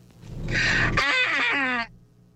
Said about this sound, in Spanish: Pero si estornudó al final, mire, escucha. A ver.